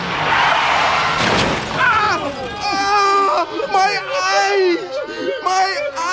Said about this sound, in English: I was traveling back home on a minibus when the bus, traveling much too fast, collided with the car.